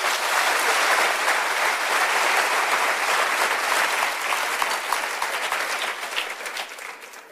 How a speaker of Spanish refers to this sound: ¿Cuántos dicen amén? Dan un aplauso fuerte al Señor.